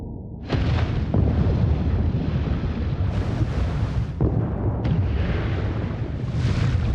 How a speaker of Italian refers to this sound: Tutti cercano di andare più in profondità, sperando di sfuggire al rumore. Ma è inutile. A 1000 metri di profondità, la madre ha sentito le esplosioni.